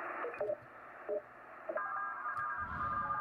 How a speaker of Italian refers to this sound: Questi sono radioamatori che parlano tra di loro in Morse.